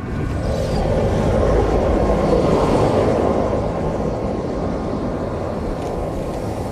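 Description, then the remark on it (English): Steady, loud, low helicopter engine and rotor roar heard from inside the cabin of a helicopter flying over polar bear country in the North. It fills the scene without letup as a dense rumbling drone, with no voices. “Back up in the helicopter, the grand puzzle of this place begins to become clear.”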